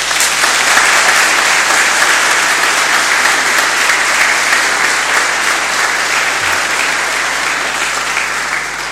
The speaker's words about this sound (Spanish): le demos un aplauso de gratitud.